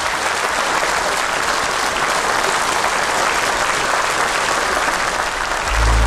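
Sustained clapping from a crowd for the winners of a quiz, a dense, steady wash of many hands that holds at an even loudness for about six seconds, swelling slightly at the very end.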